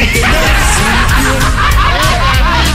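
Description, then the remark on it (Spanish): Loud, busy honking quacks overlap one another for nearly three seconds, like a cluster of ducks calling without pause, raspy and nasal over a dense background. “Y ese es el pato.”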